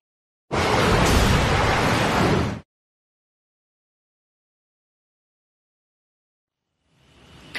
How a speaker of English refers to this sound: That is not a storm you're looking at, but those are hurricane force winds generated by the wall of wind. An experimental facility down in Florida, researchers from the University of Kansas are leading an experiment